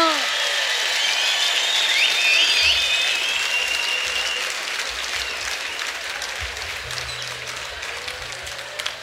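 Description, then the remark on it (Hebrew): A crowd applauds as a singer is invited onto the stage, dense, continuous clapping that holds loud for several seconds and then eases slightly, with a few faint whistles over the top. “לא מחאת מספיק כפיים, אז הוא לא בא.”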